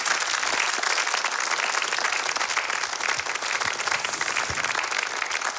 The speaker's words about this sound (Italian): ancora ci sono gli applausi in sottofondo che vengono dalla sala A, dove abbiamo ricordato i 10 anni dalla scomparsa di Paolo Poli